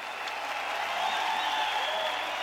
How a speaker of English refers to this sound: A huge cheer from the crowd. But Mondo can't get it done on the third and final attempt.